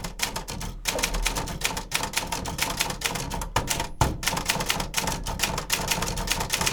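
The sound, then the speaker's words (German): A real, fully automatic typewriter, not AI-generated, types rapidly and continuously right beside the speaker, its keys striking in a fast, dense rhythm with brief pauses, loud throughout, with no voices. “Ich habe eine vollautomatische Schreibmaschine neben mir sitzen und es hängt auch ein Mensch dran,”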